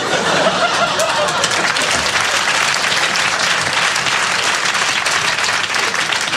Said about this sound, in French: Applaudissez les conneries, on n'a pas fini.